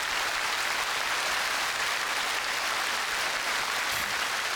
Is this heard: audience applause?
yes